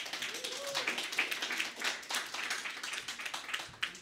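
A crowd applauds steadily, with many overlapping hand claps forming a dense, even patter that continues for several seconds at moderate volume.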